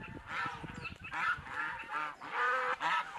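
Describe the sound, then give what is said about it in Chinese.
A flock of Zhedong White geese, raised free-range among plum trees, honks loudly, their harsh, nasal calls overlapping in a steady, clamorous chorus with no one speaking. “全产业链转型第一步实施的就是引进品种优良的浙东白鹅，它肉质细嫩，味道鲜美，前期生长快，对殷红里的发展趋势可谓是锦上添花。”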